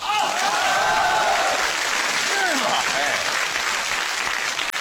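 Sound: audience applause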